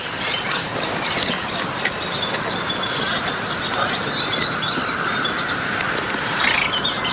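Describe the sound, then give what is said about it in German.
A faint, dry, frog-like rattling call of a Baillon's crake, a small rail not much bigger than a lark, runs for a few seconds, nearly buried in a dense wash of croaking frogs and steady hiss. “dieses Zwergsumpfhuhn, ist ja nicht viel größer als eine Lerche, eben auch kein besonders lautes Stimmorgan hat.”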